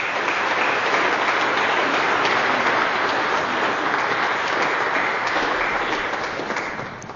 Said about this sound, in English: But you have a special little boy, and he is now a child of God, and you have given him for kingdom work. And so let us greet this kingdom child with our applause.